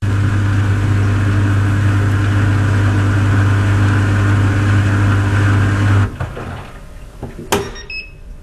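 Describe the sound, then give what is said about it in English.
A small European clothes dryer runs with a steady, loud low hum for about six seconds, then winds down; after a brief clunk, a short high-pitched electronic beep sounds. “Okay, let's listen to that because now I'm really curious what this dryer sounds like.”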